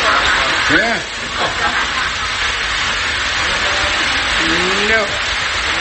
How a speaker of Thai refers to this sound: ฝนตกแล้วเนี่ย